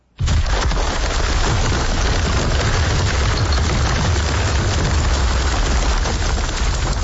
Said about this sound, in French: Une sérieuse grêle sur mon spa cette semaine.